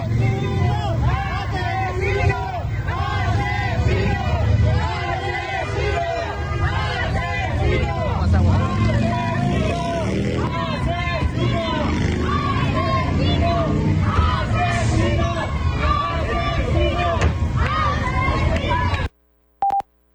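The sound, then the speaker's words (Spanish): A loud crowd shouts and jeers continuously at politician Cuauhtémoc Blanco, yelling "¡Asesino!", many overlapping voices in a dense, sustained, angry roar, ending abruptly with a brief silence and a faint tone. “Escuchemos cómo le gritaban a Cuauhtémoc Blanco.”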